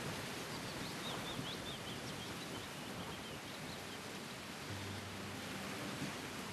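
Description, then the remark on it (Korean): Faint, scattered birdsong chirps drift through a steady wash of rustling bamboo leaves and breeze in a bamboo grove, the calls soft, mostly in the first couple of seconds. “대나무 잎이 막 이렇게 눈꽃처럼 날리는 그런 광경하고 그 새소리, 그 새소리를 들으면서 이게 너무 좋은데 이게 우리 할아버지가 저한테 주시는 선물이구나.”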